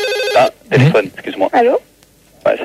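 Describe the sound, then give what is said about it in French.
A telephone rings once, a short, loud electronic trill, then stops as a voice starts talking in bursts with brief pauses between. “Téléphone, excuse-moi.”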